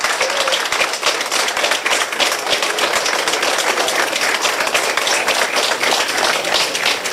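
Workers and authorities applaud steadily underground in Romania's longest highway tunnel, celebrating the moment its two galleries were joined through the mountain. Many hands clap in a dense, continuous patter that holds at an even, fairly loud level for several seconds without letting up.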